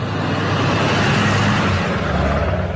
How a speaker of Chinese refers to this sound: 一个多小时后，满载冻肉的卡车总算开到了店门前